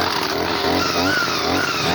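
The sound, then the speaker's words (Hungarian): A brush cutter's small two-stroke engine is started at 8 in the morning and runs loudly and steadily, its high buzzing whine rising and wavering as it revs, with no voices over it. “A fűkaszát adom, ez sok.”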